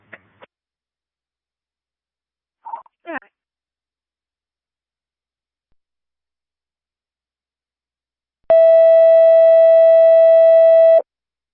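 Brief radio clicks and chirps, a pause, then a loud, steady electronic radio test tone with a buzzy edge, held for about two and a half seconds before cutting off abruptly.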